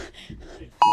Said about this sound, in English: This is 1:59 and 50 seconds, just before we all received the notification. Here we go.